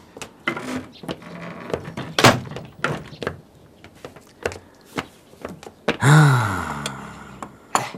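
A door is shut with a solid thunk amid several nearby knocks and bumps, followed by a long creaking groan near the end.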